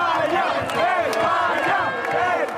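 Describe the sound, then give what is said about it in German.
A large crowd of Spain football fans in a fan zone roars and cheers continuously at the final whistle of Spain's 2:1 win to reach the semifinal, with many voices shouting and whooping in rising, overlapping yells that stay loud throughout. “Und mit dem Schlusspfiff verwandelt sich die Fanzone in ein rot-gelbes Jubelmeer.”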